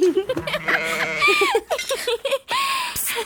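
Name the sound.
sheep bleating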